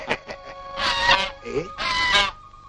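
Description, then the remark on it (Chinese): Loud, harsh goose honks burst out in two long squawking bouts after a few short calls, as geese squabble in a goose fight set up by people, with a brief nasal cry between them. “哎，又有人斗鹅了，我去看一看 啊。”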